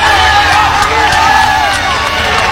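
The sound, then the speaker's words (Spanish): A large crowd of football fans shouts and cheers as the players come down and pass by, a loud, continuous roar, many voices overlapping in a dense wall of noise with occasional higher yells rising above it. “A ver quién más, cómo van gritando todos.”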